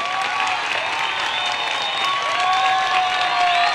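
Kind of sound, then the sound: crowd, applause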